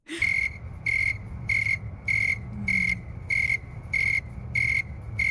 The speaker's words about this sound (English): So this is the snowy tree cricket making those chirps, and I've cut the audio down to about 25 seconds.